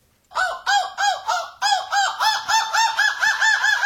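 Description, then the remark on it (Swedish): A person imitates a gull's screech with a loud run of about ten quick, nasal cries in steady rhythm, each rising and falling, with no talking around it; one of two imitations compared in a quiz, one by a European gull-screeching championship winner. “Vilken är vinnaren i Måskrik EM och vilken är jag?”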